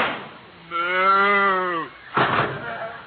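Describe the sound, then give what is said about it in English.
A single long, drawn-out cow moo, fairly loud, sliding slightly downward in pitch, followed by a brief burst of muffled noise. “Ask her. She's a cow.”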